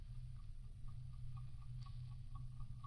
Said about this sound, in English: It's not buzzing. It's ticking. Oh, I thought it was a new one. Listen. Right here in the nose. Blimey. Like a blooming alarm clock.